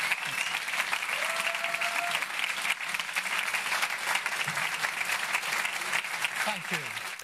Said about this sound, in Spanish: Keir Starmer, que continúa, en este caso está siendo aplaudido, ovacionado por su partido